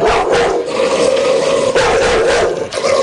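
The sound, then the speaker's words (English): A dog named Zora snarls and barks loudly at a microphone at No Limit Communications, 3330 Greenmount Avenue, a continuous, aggressive stream of rough growling with sharper bursts, no voices alongside it. “Well, she's a beautiful dog, but a tough-looking one.”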